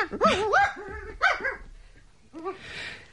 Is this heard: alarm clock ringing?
no